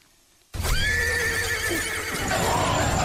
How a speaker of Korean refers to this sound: 한산한 밤의 어둠을 뚫고 들려오는 말의 울부짖음 소리에 머리칼이 쭈뼛이 서고 소름이 오싹 끼쳤다.